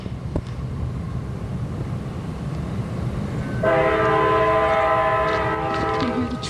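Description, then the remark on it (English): A train rumbles steadily with low-frequency noise outdoors on a beautiful day, then a loud, sustained multi-tone horn blares from about midway through, continuing to the end over the rolling rumble and some wind. “Yeah, so we got trains.”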